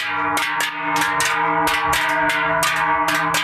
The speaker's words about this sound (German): Schöpfen im Berner Seeland laufen am Freitag die Leute mit den grossen Glocken auf.